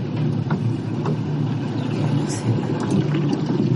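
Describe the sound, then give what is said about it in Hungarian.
A steady, dense low rumble of surface water around a ship's hull, with a few faint, scattered creaks and small cracking ticks now and then as the partly cut hull moves and the edges of its crack pop. “Az a baj, hogy nem hallok más, csak a felszíni hangokat és apró ropogásokat, ahogyan a hajótest mozog.”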